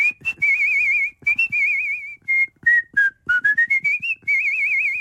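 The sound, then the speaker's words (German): A woman whistles a lively birdlike tune, as for the role of a small bird in a musical, with warbling trills, short chirps and quick rising notes in bursts, imitating a small songbird. No one speaks. “Meine Lieblingsrolle war allerdings der kleine Vogel. Den habe ich zwar nur als Handpuppe gehalten, aber im Hintergrund gepfiffen.”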